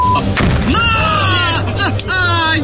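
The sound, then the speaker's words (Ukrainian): A missile strikes a tank with a sharp, loud boom early on, followed by more bursts of rumbling blast noise, while agitated voices talk loudly throughout. “Він поняв, що ракета прилітає і їм просто”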